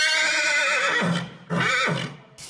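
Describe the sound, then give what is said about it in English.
A horse rescued from the fires near Toledo, Spain, neighs loudly: one long, quavering whinny, then a brief pause and a second, shorter whinny. No one speaks. “Sheep, chickens, hens, horses, they've all been rescued.”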